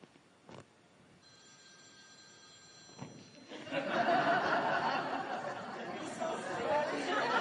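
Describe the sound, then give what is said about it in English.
A phone rings with a steady electronic tone for about two seconds, then a crowd bursts into loud laughter and chatter that fills the rest of the moment. “Hopefully, it's not the source calling.”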